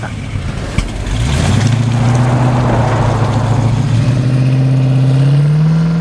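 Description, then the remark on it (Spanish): A first car's engine starts and revs up, settling into a loud, steady rumble with a rising drone that holds for several seconds before climbing in pitch near the end. “Es su primer auto.”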